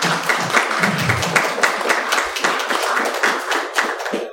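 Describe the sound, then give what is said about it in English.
An audience applauds steadily for several seconds, a dense wash of many hands clapping at an even, fairly loud level with no voices standing out. “Can you please give them a round of applause?”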